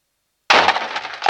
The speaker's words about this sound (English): the sound of the outer door crashing into poorly positioned succulent.